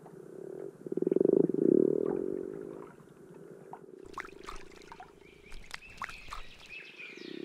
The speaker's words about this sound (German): Nicht weit von meinem Haus füllt sich jedes Jahr nach der Schneeschmelze eine Senke mit Wasser. Und wie jedes Jahr versammeln sich darin Grasfrösche, um abzuleichen.